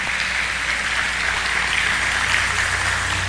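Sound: audience applauding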